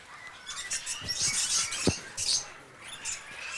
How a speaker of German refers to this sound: ist auch der erste Kandidat, ein Edwardsfeigenpapagei hier.